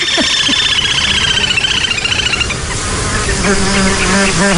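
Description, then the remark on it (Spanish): A dense, whining drone of mosquitoes buzzing around the microphone, several wingbeat tones weaving and shifting in pitch over a steady background hum, loud and continuous with no voices. “Y sobre todo ese zumbido como un poco desquiciante, que son los insectos, los mosquitos”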